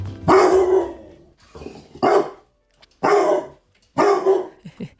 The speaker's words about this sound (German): Und ordentlich bellen kann Criso auch.